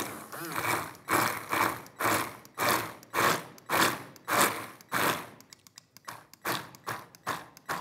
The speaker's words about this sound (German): Und dann gehe ich, keine Angst wegen der Kerne, mit dem Mixer einmal kurz an den Kollegen und dann.